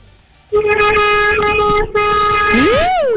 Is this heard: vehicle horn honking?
yes